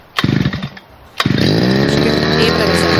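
A petrol brush cutter is pull-started: a first short sputtering burst dies out, then a second pull fires it up and the small engine keeps running steadily and loudly at idle.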